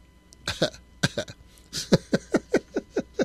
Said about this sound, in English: I think I should have got a drink of water before I came on. I feel like I'm going to cough.